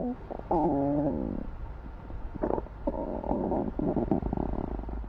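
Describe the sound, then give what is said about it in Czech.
Gurgling stomach rumbles from the character Ušoun, who skipped breakfast, fairly loud, with a long wavering growl followed by a pause and then a second bubbly, churning stretch. No talking. “Jasně, Ušounovi kručí v břiše.”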